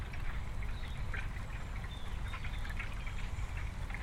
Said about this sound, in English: Whenever I'm close to the water body, it's very serene and very, very peaceful. I feel even the sound of the water flowing.